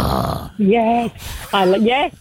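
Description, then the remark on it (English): After a brief bit of speech, a person imitates a Staffordshire terrier with two gruff, low-pitched, drawn-out woofs, each lasting about half a second with a short pause between. “And if it's like a staffy, it's like.”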